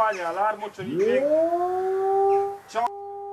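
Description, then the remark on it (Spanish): A brief voice gives way to an air raid siren in Poland winding up from a low growl into a loud, steady wail that holds for a couple of seconds before cutting off. “Esta preocupación ya tiene un sonido clave y son en sí las alarmas de ataque.”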